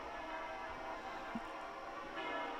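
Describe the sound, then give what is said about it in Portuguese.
The bells of Santa Maria la Real de la Almudena cathedral in Madrid ring continuously as the pope enters, their overlapping metallic tones blending into a dense, steady wash of sound that stays fairly loud throughout, with no voices present. “Ao som dos sinos da catedral, Leão XIV ingressa então neste grande local”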